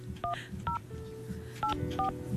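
Four telephone keypad tones beep one after another at an uneven pace, with a short pause in the middle, each a clear electronic two-note chirp over a low steady background hum, as a radio host dials to call a listener during a broadcast.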